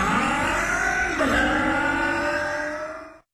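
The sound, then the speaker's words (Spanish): A loud motorcycle engine revs, its whine climbing sharply partway through, then holds a steady high drone for about three seconds before cutting off abruptly. “ahora más potencia en tu moto.”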